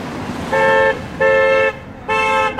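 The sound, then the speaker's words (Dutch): Three loud, sustained car horn blasts in a row, each about half a second with short gaps between, from a passing vehicle reacting to a street protest on a busy through route, over a low rumble of traffic. “Is that a good honk or a bad honk?”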